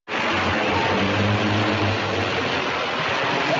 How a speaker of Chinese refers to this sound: 9点，宜溪镇望江路受涝地区，热盒饭装入保温调运包，通过无人机投送到楼顶等安全接收点。